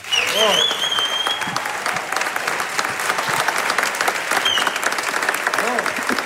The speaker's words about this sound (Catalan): I, a més de Palafrugell, un fort aplaudiment per en Lluís Bofill, sisplau.